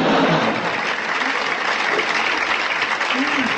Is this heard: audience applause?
yes